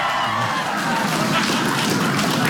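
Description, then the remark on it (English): A crowd claps and cheers in a dense, steady wash of applause that holds at a fairly loud level throughout, with no single voice standing out, answering an applause survey about who wants to be in bed by 11:30. “And how many of you want to be in bed by 11:30?”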